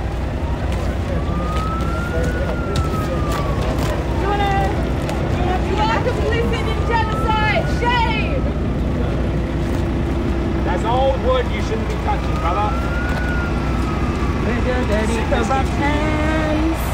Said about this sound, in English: Oh, here comes the fire truck! Here comes the fire truck!